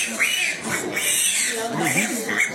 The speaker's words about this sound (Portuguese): alimentando os porcos e leitões. Eita, criação perfeita que o Criador fez.